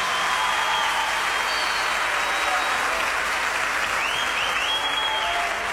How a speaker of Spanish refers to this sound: La clavó al ángulo, fuerte aplauso.